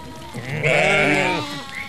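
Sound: sheep bleating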